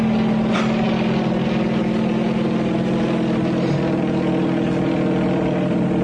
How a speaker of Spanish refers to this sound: El poderoso helicóptero se inclinó hacia uno de sus lados para realizar la operación de cambiar rumbo.